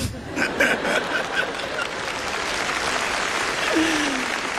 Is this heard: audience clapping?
yes